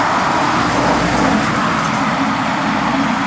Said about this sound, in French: Il y a du passage. Les voitures nous frôlent et filent à toute vitesse. Les vivants sont bruyants et recouvrent le bruit des mortes.